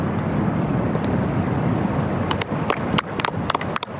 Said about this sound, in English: Hear how breezy it is out there at the moment, really starting to gust this afternoon. Up to 25 miles per hour gust today.